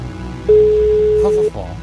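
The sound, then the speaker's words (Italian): A single ringback tone, the first ring of an outgoing phone call, one steady electronic tone lasting about a second, heard clearly over a faint background of voices that continue afterward. “Ed è già il primo squillo, attenzione.”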